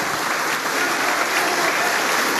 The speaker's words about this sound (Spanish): Pese a ello, los aplausos continúan para la presidenta Keiko Fujimori, quien se presta a dar el mensaje al Congreso de la República.